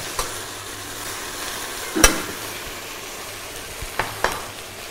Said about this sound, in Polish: To nam się wszystko podsmaża, poddusza.